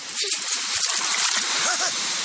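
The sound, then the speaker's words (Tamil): Sea waves wash and break steadily against the shore, a continuous rushing hiss of surf with a brief faint voice rising over it near the end. “ஓ கடல் மம்மி, ஓ சாரி, ஓ கடல் மாதா, இந்த அபலியை ஏத்துக்க”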